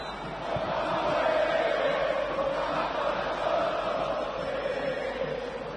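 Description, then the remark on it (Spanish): A huge crowd of River fans at the Monumental stadium roars and chants a war cry in unison, a dense, sustained wall of voices that swells in after half a second and holds steady with a broad midrange hum throughout. “escucha, escucha el Monumental cómo está”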